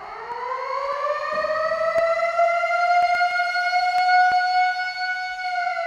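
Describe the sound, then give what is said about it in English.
A loud, continuous siren winds up in pitch and then holds a steady, droning wail for several seconds, like a civil defense warning siren, played as a 10-minute warning on CamFM radio, with no voices present. “I've got a different siren this time.”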